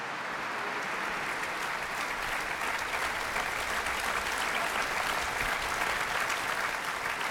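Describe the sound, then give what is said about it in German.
Sustained applause from a large, enthusiastic audience at the closing concert of the Festspiele Mecklenburg-Vorpommern fills a reverberant, open church, a dense, steady wash of clapping that stays loud and even throughout with no voices rising above it. “Sie merken vielleicht, ich habe ein bisschen Schwierigkeiten, stimmlich gegen den Applaus anzukommen.”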